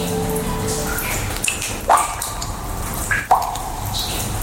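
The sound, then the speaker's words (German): Water drips inside the Frasassi limestone caves, a 30-kilometre karst cave system in the Marche region of central Italy: two clear, resonant plinks about a second and a half apart, ringing over a low, steady ambient hum with no voices. “Die Tropfsteinhöhlen von Frassassi in den mittelitalienischen Marken.”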